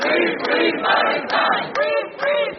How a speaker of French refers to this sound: Sous les applaudissements et les slogans, les militants français de la flottille sont accueillis par leurs proches.